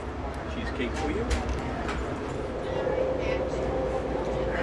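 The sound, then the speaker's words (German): The Crescent passenger train rolls through Alabama after leaving Mississippi, with a steady low rumble and rattling, a faint whine rising partway through, while a voice talks over the continuous noise. “Der Zug hat den Bundesstaat Mississippi verlassen und fährt jetzt durch Alabama.”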